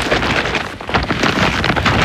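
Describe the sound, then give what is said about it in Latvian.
An IKEA shopping bag full of clearance-sale goods rustles and crinkles continuously, fairly loud, with dense crackling bursts of handled plastic and no voices. “Tā skan IKEA iepirkuma maisa ar izpirkšanas precēm.”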